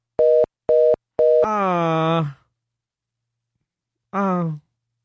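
Three short, evenly spaced beeps of a phone busy signal after the other caller hung up, loud, followed immediately by a person's long descending groan and, after a pause, another brief vocal moan.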